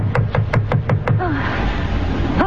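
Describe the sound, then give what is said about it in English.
Six quick, evenly spaced loud knocks on a front door by an officer of the Coast Guard, followed by a brief voice after the knocking stops. “Who's there? Front door. Who's there? Who is it?”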